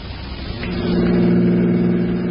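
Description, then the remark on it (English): A car engine revs and holds a steady, rising drone as the vehicle drives out to the Taylor Avenue car station, loud, with a low harmonic hum building after the first half second. No one speaks. “All right, Maury, pull up here. There's the car station.”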